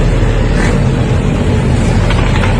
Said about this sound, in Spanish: Viernes a la noche, escuchen. Contramano. Contramano. Contramano, las motos contramano. Contramano.